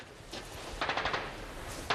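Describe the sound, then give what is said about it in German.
Return machine gun fire: a rapid string of sharp, crackling bursts in the middle, with a lone shot before it and another near the end, fairly soft overall and without voices. “Sie erwidern das Feuer.”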